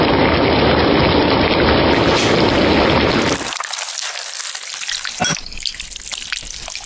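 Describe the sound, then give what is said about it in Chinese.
Eel bones sizzle loudly as they fry in a hot pan to make a broth, a dense steady hiss for a few seconds before settling into softer, scattered crackling and popping, with no one talking. “现在我们物尽其用，把鳝鱼骨我们拿去煎汤，骨头熬出来的汤来炒这个软豆，它的味道会更加鲜美。”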